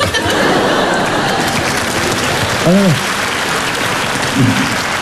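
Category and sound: crowd, audience applause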